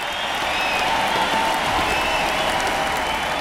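A large crowd inside the massive arena The Summit applauds and cheers steadily, welcoming the band as heroes, a dense wash of clapping and voices filling the space at constant loudness from start to finish.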